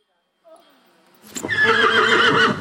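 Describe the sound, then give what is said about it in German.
A Schleswig Coldblood draft horse whinnies at a breeder's in Horsbüll, northern Germany, starting with a soft, wavering call that swells after about a second into a loud, full-throated neigh. “Sie züchtet Schleswiger Kaltblüter.”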